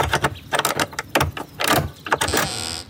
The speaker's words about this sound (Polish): A któż to tam tak do drzwi łomoże?